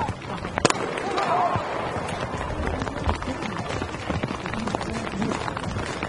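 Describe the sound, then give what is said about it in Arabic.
Rain falls steadily at a public outdoor shooting range during a shooting match in fairly cold weather, a dense, even crackling hiss broken by scattered sharper taps and one brief louder knock early on, with faint murmuring beneath. “هذا الصوت الذي تستمعون إليه الآن هو صوت هطول المطر في ميدان الرماية العام.”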